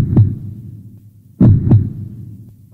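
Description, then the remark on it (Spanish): A steady heartbeat thumps in low, muffled pulses, each beat a close pair of dull thuds, repeating at a calm pace with a faint hum between beats and no voices. “Es el sonido de tu corazón.”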